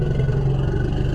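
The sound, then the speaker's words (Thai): A deep, continuous elephant threat rumble, made when threatened by a predator, with a fast, regular pulsing throb like an idling motorcycle engine, steady and loud throughout with no voices. “อันนี้จะคล้ายๆลักษณะจังหวะของมอเตอร์ไซค์ที่ผ่อนเครื่องหรือแม้กระทั่งเพิ่งเริ่มสตาร์ทเวลาที่ช้างถูกผู้ล่าคุกคามก็จะส่งเสียงลักษณะคล้ายจังหวะคล้ายๆเสียงรถมอเตอร์ไซค์เหมือนกัน”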